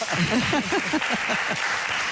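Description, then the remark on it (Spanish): A small audience claps steadily for a couple of seconds, a soft continuous patter of hands, while voices talk over the applause. “Muchísimas aunque gracias. Seamos poquitos, aplausos.”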